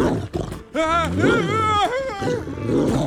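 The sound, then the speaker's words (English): A loud, vicious growl from a dog named Bosco swells into a harsh snarl that rises and falls in pitch, then breaks into rough, throaty rumbling, after a brief low grumble at the start. “I really wouldn't point that at the dog.”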